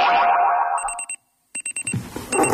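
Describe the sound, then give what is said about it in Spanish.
An alarm clock beeps in rapid, high-pitched electronic bursts, two quick clusters separated by a short silence, loud, following a sliding boing-like tone and fading into a noisy wash. “El despertador.”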